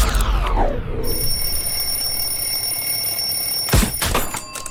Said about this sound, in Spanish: Desarrollé la habilidad de apagar la alarma del despertador dormida, pero no me está gustando.